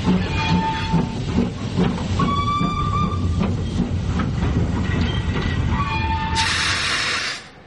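A train rumbles steadily along railway tracks, with screeching metallic squeals and clatter throughout. A sharp hiss of air bursts out near the end before the sound drops away. No one speaks.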